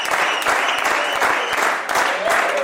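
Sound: applause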